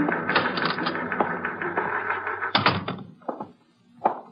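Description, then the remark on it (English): A stenographer types a statement on a typewriter: rapid mechanical clacking in a busy steady rhythm, giving way to a few separate heavier clunks near the end, with no voices. “It was 12 noon when the stenographer completed typing the statement”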